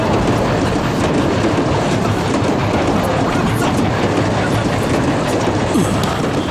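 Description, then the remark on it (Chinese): A train rumbles steadily past a station without stopping or slowing, its wheels clattering in a continuous loud roar that holds at an even level throughout, with some faint voice-like sounds mixed in. “这一站怎么不停车呢？”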